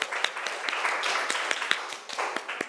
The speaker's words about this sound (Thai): ขอเสียงปรบมือให้ตัวแทนห้องต้นทางหน่อยค่ะ